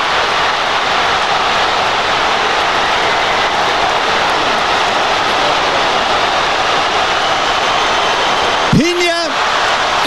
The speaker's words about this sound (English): You can really hear the thrill and even the shock of the crowd.